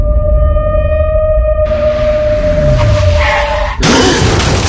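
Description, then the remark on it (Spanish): A steady high-pitched whine, like screeching tires or a horn, runs over rumbling road noise, then cuts off into a sudden loud crash of a car hitting a pole, with noisy impact debris. “No aumentes las estadísticas de muerte por accidentes de tránsito contra postes.”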